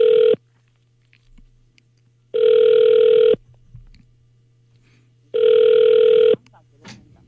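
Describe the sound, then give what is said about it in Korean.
A phone ringback tone sounds three times as a mother calls her son, each buzz about a second long with two-second gaps, steady and clear over a faint low hum, with no one picking up. “아이고, 아들이 전화 안 받네요.”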